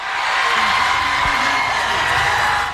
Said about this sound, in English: The Davis School in Brockton hosted a watch party. Students were cheering on the 19-year-old as his name was called.